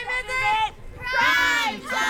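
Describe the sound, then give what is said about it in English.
Overlapping chatter of children and adults from around 10 families lounging on blankets and lawn chairs in a suburban park in Lincoln, listening to a storyteller read a book, with bright, high-pitched young voices rising above a steady murmur in two bursts separated by a brief lull. “Around 10 families are lounging on blankets and lawn chairs in a suburban park in Lincoln, listening to storyteller”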